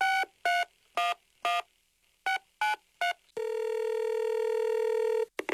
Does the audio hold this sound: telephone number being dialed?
yes